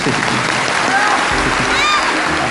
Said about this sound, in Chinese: 好的， 我们把掌声送给